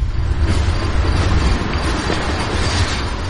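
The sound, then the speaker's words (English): A train rumbles steadily along railroad tracks beside a lean-to shack at night, a loud, continuous low roar with faint clattering of wheels over rails and no voices. “In a lean-to shack by the railroad track, we sit in the dirt.”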